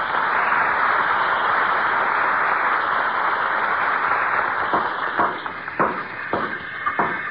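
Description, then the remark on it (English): Carpenters building a new house next door to 79 Wistful Vista: a steady, rasping saw stroke fills the first seconds, then a run of sharp, irregular hammer knocks breaks in over the continuing scrape, with no voices. “That's what the sound of carpenters at work is to a guy who loves to tinker and putter.”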